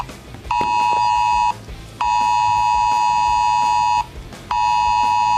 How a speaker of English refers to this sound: Well, Britain has taken the extraordinary step of sending a wildfire alert to every single phone in England and Wales. Was it really necessary?